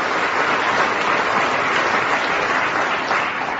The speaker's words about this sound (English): Why are they clapping? Because you came on. Didn't you see you? I did, but then I have a telescope. Well, why clap me? I mean, I haven't done the song yet. Maybe that's why they're clapping.